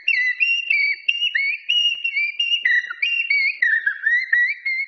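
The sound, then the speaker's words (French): A duet of two common blackbirds (merle noir) singing together, their mellow, fluting whistled phrases overlapping and answering each other in a steady stream of short, warbling notes with brief pauses, and no voices. “duo de Merle Noir.”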